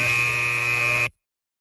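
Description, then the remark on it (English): A harsh electronic alarm clock buzz blares steadily and loudly for about a second, then cuts off abruptly into silence. “6:30 a.m. Your alarm goes off.”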